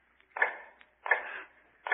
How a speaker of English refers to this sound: Now in the North Tower, cell number 105 is heard all day, a low, hammering sound.